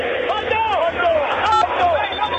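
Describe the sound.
A huge football stadium crowd of River fans chants in unison during a match with more than 30 minutes left, a dense roar of many voices with rising and falling sung phrases carried over a steady wall of noise.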